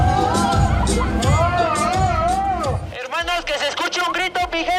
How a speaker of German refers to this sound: Doch fürs ausgezogene Shirt gibt's für den Maskenmann nur verhaltene Reaktionen aus dem Publikum.